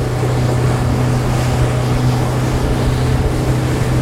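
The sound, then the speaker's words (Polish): A sixty-horsepower motorboat engine roars steadily at high speed on the Madeira River, a constant loud drone with a strong low hum, mixed with rushing water and wind noise and no pauses throughout. “Sześćdziesięciokonny silnik pozwala tutaj osiągnąć duże prędkości.”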